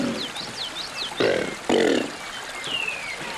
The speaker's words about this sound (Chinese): 扬子鳄没有声带，但它们通过控制胸腹部的肌肉，急剧压缩肺部，促使气流迅速排出，从而产生类似吼叫的声响效果。